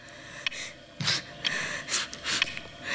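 A run of wet, snotty sniffles, snorting inhalations and squeals from a female person drawing in large amounts of snot in a very pink room, half a dozen quick bursts in irregular succession, not very loud, with no talking.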